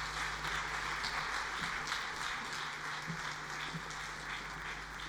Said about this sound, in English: A round of applause for the minister. Thank you, Minister. Thank you once more, Minister.